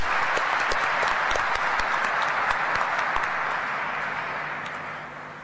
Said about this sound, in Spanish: Vamos a aplaudirle otra vez. Muy bien, muy lindo el coro, ¿eh?